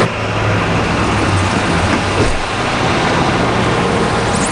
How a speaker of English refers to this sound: We had driven past house, but she was not too far of a walk, so we made our way up the side of the highway, balancing like tightrope walkers on the edge of the road to keep out of the way of the cars that zoomed past and from falling into the shrubs